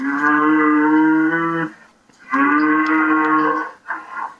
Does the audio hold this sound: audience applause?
no